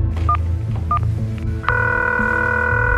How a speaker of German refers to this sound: Immer wieder greift sie zu ihrem Handy und versucht, ihre Tochter zu erreichen.